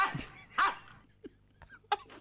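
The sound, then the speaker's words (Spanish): A dog gives two sharp barks close together, followed by a few softer, shorter yips and whimpering noises, with no talking. “El perro ladra así porque está transpirado.”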